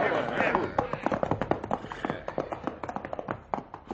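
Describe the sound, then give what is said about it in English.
A rapid patter of horses' hooves on hard ground, fairly loud, the beats thinning and spacing out toward the end as the riders rein in and the horses slow to a halt. “we're running these horses to death, getting no place.”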